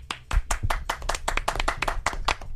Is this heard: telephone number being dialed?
no